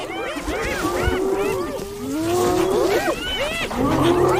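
A lion growls low amid a noisy crowd of spotted hyenas trying to drive it from its kill, their rising and falling whoops and cackles overlapping continuously and loudly throughout, with no clear human talk.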